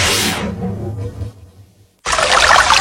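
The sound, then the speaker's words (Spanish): Water pours loudly in a short rushing burst, fades into a low gurgle and a brief hush, then a second bright, splashing pour starts abruptly and continues to the end; a radio advertisement for Alpes, a zero-sodium water from Córdoba, Argentina. “Alpes, el agua de Córdoba con cero sodio.”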